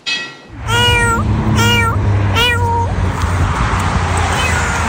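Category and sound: animal, cat meowing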